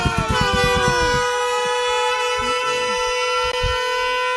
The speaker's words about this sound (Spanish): Señores, póngame pura sirena. Sirena y madre, vamos a llenar el camión.